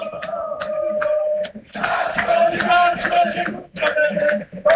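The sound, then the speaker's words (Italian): A stadium crowd of football fans at a league match involving Benevento chants in unison, a loud, steady wash of many voices with rhythmic swells and sharp accented shouts recurring throughout. “Sentiamo i cori dei tifosi ancora una volta.”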